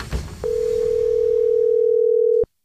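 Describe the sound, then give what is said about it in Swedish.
A steady telephone dial tone of an outgoing five-minute call by Paul Anders, one of the band's guitarists, phoning Jakob, hums at a single pitch for about two seconds, loud, then cuts off abruptly after a brief noisy click at the start. “Det var ett 5 minuters telefonsamtal och sen var det avklarat.”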